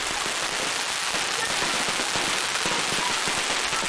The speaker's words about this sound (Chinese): 队员们打赤膊，穿短裤，头戴竹笠，双手托着插满烟火的彩龙，奔跑如飞。彩龙穿越云雾，盘旋腾跃。